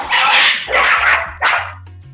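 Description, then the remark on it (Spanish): Fighting dogs bark in three loud, harsh bursts as they are being chased out, the first two long and ragged, the third shorter, with a low hum underneath and no voices. “Que hay unos perros y aquí los estamos corriendo.”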